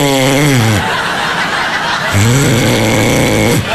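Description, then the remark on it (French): A voice loudly mimics snoring, two drawn-out rasping, throaty snorts separated by a brief noisy gap, with no words spoken. “Parce qu'en ce moment, je vois, elle me réveille la nuit, elle est là, tu ronfles!”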